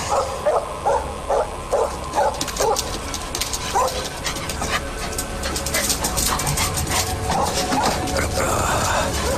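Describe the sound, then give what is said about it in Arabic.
A dog barks in a quick run of short, sharp yaps near the start, then barks again sporadically over a busy, noisy background with what may be voices. “لقد قطع الكلب شهيتك إلى الطعام.”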